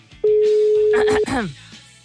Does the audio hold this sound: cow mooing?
no